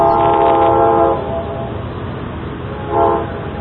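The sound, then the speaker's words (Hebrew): A passenger train at a station, announced as the train to Haifa departing from platform 1, sounds its horn, one long blast, then a shorter one a couple of seconds later, loud over a steady low rumble of the train. “נוסעים נכבדים, שלום. רכבת לחיפה תצא מרציף מספר 1.”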